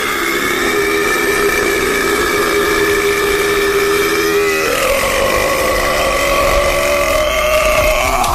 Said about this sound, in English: We've all got to do a burp for Jules as well now.